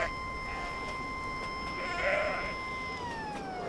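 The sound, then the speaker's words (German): A narrow-gauge train's siren, sounded as a warning to goats grazing on the roughly 100-year-old track, holds a steady, shrill tone before sliding lower near the end. A short bleat-like animal sound rises briefly in the middle, and no one speaks. “Wenn sie die Sirene hören, wissen die genau, wer kommt.”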